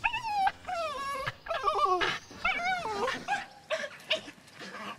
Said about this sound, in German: Und der Hund freut sich auch. Der ist auch immer ganz aufgeregt, wenn die da rauskommen.